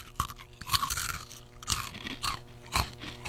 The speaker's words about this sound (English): All right. Here we go. Here's the crunch.